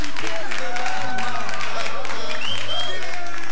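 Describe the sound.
An audience at a Radio La Red Children's Day (Día del Niño) event applauds steadily, a dense crackle of many hands clapping at once, with voices and tonal sounds carrying over the top throughout.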